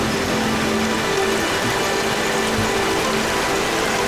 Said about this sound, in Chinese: 山中的天气反复无常，在黄岗山区域海拔1200多米的地方，雨水刚过，瀑布飞流而下，水量充裕。